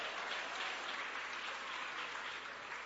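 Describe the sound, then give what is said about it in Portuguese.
An audience claps their hands for Jesus in sustained, dense applause, a steady wash of many overlapping claps that holds at an even, moderate level for the whole stretch, with no voices standing out. “Sempre com Jesus, ô glória, pode bater as palmas para Jesus, pode bater as palmas para Jesus, ô glória.”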